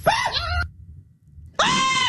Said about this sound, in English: But you sound like somebody else when you're screaming. So at the beginning of that clip, you hear you screaming and then... And then me screaming at the end of it.